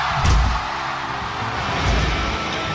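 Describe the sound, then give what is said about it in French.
Two heavy, booming impacts land about a second and a half apart, each with a low resonant thud, over a constant loud wash of noise, as guitars are slammed down onto a stage at the end of a concert. “Des guitares délicatement posées à la fin d'un concert.”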